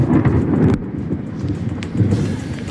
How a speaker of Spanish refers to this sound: Eso sí, que no se preocupe nadie, porque parece que la tormenta remite y mañana sí el tío de la porra llegará a los colegios de Gandía, aunque no haya jornada lectiva.